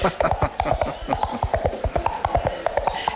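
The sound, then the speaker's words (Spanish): Two hollow coconut shells are knocked together in a quick, steady galloping rhythm to imitate a horse's hooves as a sound effect; the sharp knocks repeat fairly loud over a faint background murmur. “Y, por ejemplo, uno de los recursos más famosos de radioteatros y teatros de todo tipo era hacer el sonido de caballos con dos cocos chocando.”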